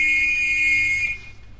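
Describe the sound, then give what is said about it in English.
A whistle sounds one steady, shrill note that holds for about a second before cutting off, leaving only faint background noise. No one speaks. “Here, hold this whistle and play that note.”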